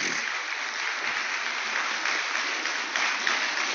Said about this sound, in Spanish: Esto merece un aplauso al Señor, familia.